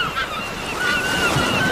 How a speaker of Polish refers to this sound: Bardzo dziękujemy, proszę Państwa, no to żebyśmy my tak poczuli się jak koło brzegu, jak nad morzem, morza szum, ptaków śpiew.